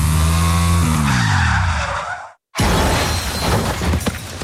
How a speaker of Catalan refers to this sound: De tornada agafaré un revolt amb massa velocitat i tindré un accident. Moriré a l'acte.